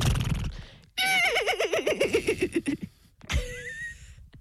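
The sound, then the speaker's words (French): A person imitates a horse's whinny with a loud, shaky, descending neigh, followed after a short pause by a second, briefer vocal neigh from another voice, as two people hold a horse-neighing contest. “Après il faut que je fasse le cheval pendant 45 minutes.”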